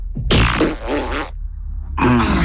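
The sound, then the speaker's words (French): Two loud, raspy farts: a long buzzy one lasting about a second with a wavering pitch, then a pause and a second blast that is cut off at the end. No talking. “T'aimes quand je pète?”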